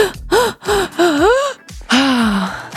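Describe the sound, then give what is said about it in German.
A person doing a breathing exercise of five inhales and a single exhale takes several loud, voiced gasping inhales in quick succession, each with a swooping pitch, ending in a longer drawn-out breath. No talking. “Atmet fünfmal ein und nur einmal aus.”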